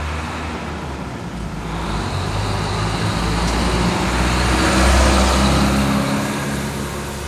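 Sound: city street traffic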